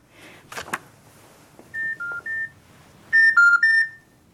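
A brief clatter of a telephone handset being picked up, then six short electronic keypad tones: three softer beeps followed by three louder, sharper ones, pressed in quick succession with no talking.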